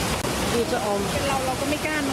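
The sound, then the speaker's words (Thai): A loud, steady roar of flash-flood forest runoff pouring very strongly over a waterfall, dense and continuous throughout, with faint voices partly buried beneath the torrent. “น้ำตกเมื่อเช้านะคะตอนนี้น้ำป่าไหลแรงมากค่ะ”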